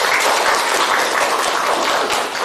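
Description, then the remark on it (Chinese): A class of students claps in steady applause to welcome a student group to give a demonstration, a dense crackle of many hands that stays loud and even for the whole stretch before tapering slightly at the end. No one speaks. “那现在呢，老师呢随机抽一组的同学，让我们掌声欢迎梦想组来进行展示。大家掌声欢迎。”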